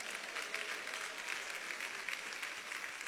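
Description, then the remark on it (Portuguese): A crowd claps hands steadily and densely to give glory, the many overlapping claps merging into a continuous, even wash of applause with no voices standing out. “Toma posse, bate palmas, dá glória.”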